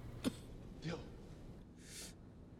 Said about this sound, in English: Dill's chest rises with a few weak coughs.